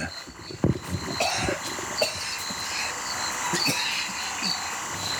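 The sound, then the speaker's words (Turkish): At 5:45 in the morning, people who are just waking up give a few scattered coughs and throat-clearing sounds, irregular and moderately loud, over a steady background of chirping insects. “Ne kadar çok gaz çıkarma, tükürme ve öksürme var.”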